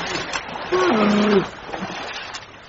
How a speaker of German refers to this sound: Da suchte Abraham eine flache Stelle und ritt durch das Wasser, und die Menschen und Tiere folgten ihm. Lämmer aber waren zu klein und die Hirten mussten sie hinübertragen.